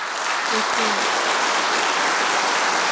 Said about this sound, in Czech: Já myslím, že si klidně může ještě jednou a nejednou vychutnat ten potlesk.